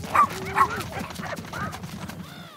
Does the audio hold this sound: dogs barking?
yes